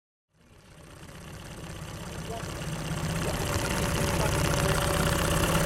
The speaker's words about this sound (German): Das Brummen, das Sie hier hören, ist das Boot von Wladimir Nikatsch.